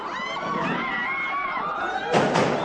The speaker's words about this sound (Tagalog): Umilingaw-ngaw ang mga putok ng baril.